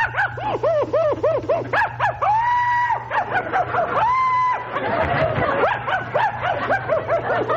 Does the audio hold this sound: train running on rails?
no